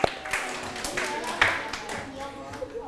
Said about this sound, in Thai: ทุกกลุ่มตอบถูกหมดเลยปรบมือให้ตนเองครับ